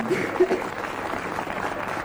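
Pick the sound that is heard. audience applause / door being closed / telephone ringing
audience applause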